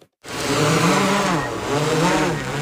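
After a brief moment of silence, a drone's motors spin up into a loud, steady buzzing whine, its pitch rising and wavering slightly as it lifts off and flies over Lake Černuste in Malta parish. Rēzekne municipality police launch it to survey the area for illegal fishing gear. No voices are heard.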